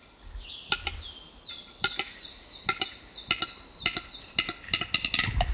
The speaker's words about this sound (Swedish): Oj, det var som ett hackande ljud. Ja, det är tjäderspelet. Wow. Det är väldigt speciella.